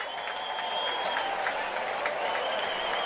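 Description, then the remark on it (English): A stadium crowd of Cardinals baseball fans applauds steadily as pitcher Brule is taken out of the game, a dense wash of clapping at even loudness throughout, with a faint sustained tone running underneath and no clear voices. “Nice round of applause by the Cardinal fans here as Brule will be taken out now.”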